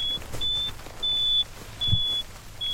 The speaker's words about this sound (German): Wenn sich ein Rind vom lauter werdenden Piepen nicht beeindrucken lässt und dem virtuellen Zaun zu nahe kommt, bekommt es über zwei Kontakte im Halsband einen Stromstoß. Die ultimative Aufforderung zum Umkehren.